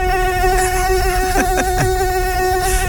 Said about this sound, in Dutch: Iets overdreven. Het is wel een hele grote mug. Of een heel orkest tegelijk.